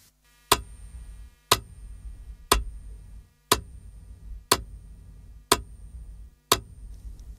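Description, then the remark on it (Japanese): A metronome ticks steadily at 60 BPM, one click per second, played to show the flashing rhythm of Genji fireflies in Shin-Kamigoto, Japan; seven sharp, evenly spaced clicks each with a short ringing tail, heard alone. “音楽的に言うとね、 BPM60 ってことになるんですけど、まずはどんなリズムかメトロノームの音で聞いてみましょう。”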